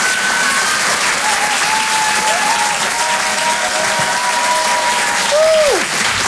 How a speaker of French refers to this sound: l'applaudir très très fort.